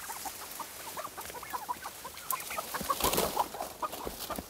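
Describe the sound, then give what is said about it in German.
Several turkeys hiding behind bushes in a front garden, among forsythia, calling with quick, repeated clucks and short chirping notes, overlapping one another at moderate volume against a steady outdoor background, with no one speaking. “Die Puten haben sich derweil hinterm Gebüsch versteckt.”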